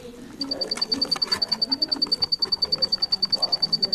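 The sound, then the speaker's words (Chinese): Cricket and black-naped oriole calls mingle at the Houcheng singing insect museum in Tianjin: a steady, rapid train of high-pitched chirps pulses evenly for several seconds over softer, lower warbling calls, with no one speaking. “在后城鸣虫博物馆里，大黄鹂和蛐蛐的叫声彼此应和着，闭上眼睛仿佛回到小时候夏日夜晚，躺在草地上仰望星空的情景，让人一下子放松下来。”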